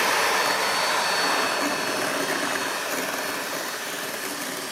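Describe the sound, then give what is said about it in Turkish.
An electric mixer whisks yogurt with a steady, loud whirring drone that runs without pause for the whole stretch, easing slightly in volume toward the end, with no one talking. “Şöyle yoğurdu da koyup çırpıyorum.”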